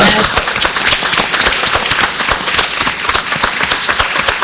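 A large crowd applauds steadily and loudly for several seconds on a Radio Nacional radio show, a dense wash of many hands clapping with no pauses.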